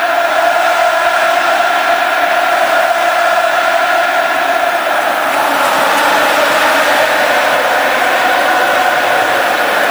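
A dense, steady roar of a large football stadium crowd cheering and clapping in the stands, with Joaquín among them applauding, loud and continuous for the whole stretch with no distinct voices standing out.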